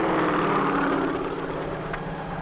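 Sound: helicopter rotor and engine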